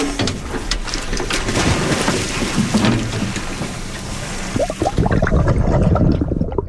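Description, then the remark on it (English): Divers of a dive team splash overboard from a research boat into the water to release sunflower sea stars, a burst of heavy splashing rising over a steady wash of boat and water noise in the final seconds. “Sam Strauss and the Samish dive team are getting ready to go overboard with the sea stars”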